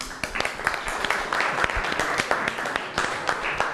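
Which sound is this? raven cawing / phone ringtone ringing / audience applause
audience applause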